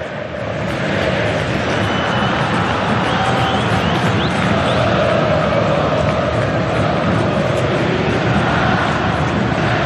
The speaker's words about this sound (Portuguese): Torcida se inflama, tenta empurrar o time em busca de mais uma vitória no Brasileirão. A Neoquímica Arena pulsa.